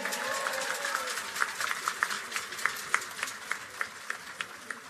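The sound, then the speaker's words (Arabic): An audience in Tunisia applauds warmly for a band conductor: dense, steady clapping that gradually falls into a loose rhythmic beat. A faint voice briefly rises at the start, partly buried in the noise. “تصفيقة حارة على”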